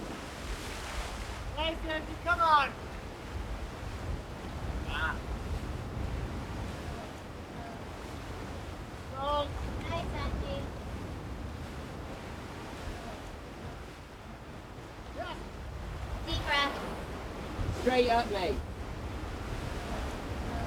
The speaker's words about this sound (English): When you're on the wall with the sea crashing below you, it sounds like it's breathing.